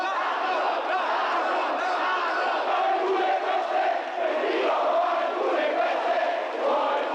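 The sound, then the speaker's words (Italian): A dense crowd in front of the Hotel Rafael shouts and yells continuously while waiting for Craxi to come out of the door, many voices overlapping into a loud, steady roar with occasional rising cries, sustained without pause. “Eccolo, grida qualcuno.”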